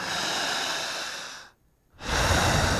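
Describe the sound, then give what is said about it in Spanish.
Loud, deep synchronized breathing done as a hypnosis exercise: a long, rushing breath, a brief pause of silence, then another strong breath begins. No talking. “Necesito de algo llamado respiración sincrónica. Mismo tiempo, misma fuerza, misma velocidad, misma intensidad.”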